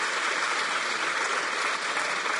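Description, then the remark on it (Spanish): A crowd claps steadily in a dense, continuous wash of applause, loud and even from start to finish with no voices standing out, as children under 18 are encouraged to come to the front. “Va, otro aplauso para que se terminen de animar.”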